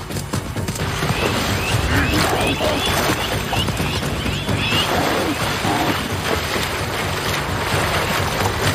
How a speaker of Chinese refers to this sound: 受惊的驴羚奔向水潭深处，猎豹的爆发力和奔跑速度都受到了影响。